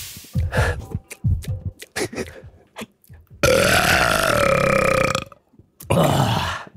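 A series of short, choppy gulping sounds builds up, then a loud, drawn-out belch rumbles for nearly two seconds, followed after a brief pause by another rough burst.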